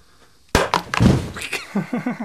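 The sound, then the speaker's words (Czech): After a near-silent pause, a sealed Kinder egg capsule holding water and a fizzy tablet bursts from built-up carbon dioxide pressure with a single loud, sharp pop, followed by a brief spattering crackle and a few short vocal sounds. “No, tak zažili jsme tady výbuch a hlavní otázka je, kde se vzala ta síla, která způsobila ten výbuch?”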